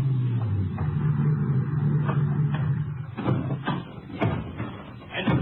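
A ranger car's engine idles low and steady, then cuts out, followed by several sharp clunks and clicks of a car door being opened and shut, at nightfall in a grove near an auto court just outside Pecos.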